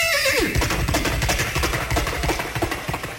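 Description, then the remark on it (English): A person imitates a horse over a car's loudspeaker on an expressway: a loud whinny, falling in pitch, gives way to a steady, rapid beat of galloping hooves that continues prominent to the end, with no talking. “And so I picked up the mic and gave them the sound of a horse braying and galloping out of the front end of the car.”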